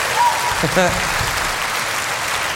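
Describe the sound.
An audience claps steadily throughout, a dense wash of applause for the host's friend, while a voice briefly calls out over it near the start.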